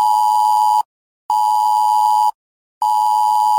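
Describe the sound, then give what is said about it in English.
A loud, piercing UK government emergency alert tone on a mobile phone, as used in a planned test of the emergency alerts system, sounds in three long, steady bursts separated by brief silences, with no voices present. “You'll get an alert like this on your mobile phone.”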